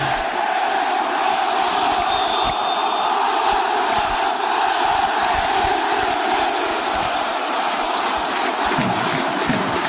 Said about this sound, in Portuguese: A bola saiu em arremesso lateral pro Vasco. A torcida do Vascão aí cantando.